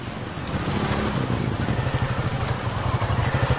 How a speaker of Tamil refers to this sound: இந்த ராத்திரி நேரத்துல இந்த மழையில மாட்டிக்கிட்டனே.